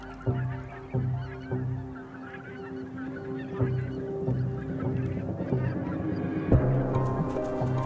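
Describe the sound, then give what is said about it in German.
A flock of geese that has spotted a fox honks repeatedly in overlapping, nasal calls while some keep watch and others feed. The calls are steady throughout, with a louder burst of honking near the end. “Sich an die Gänse anzuschleichen, ohne gesehen zu werden, ist so gut wie unmöglich.”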